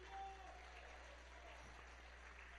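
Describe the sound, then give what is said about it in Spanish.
An audience at a church service applauds together for God the Father, a dense, steady wash of many hands clapping that holds evenly for a couple of seconds over a low hum. “Antes que se siente, dale por ahí un fuerte aplauso al Padre amado.”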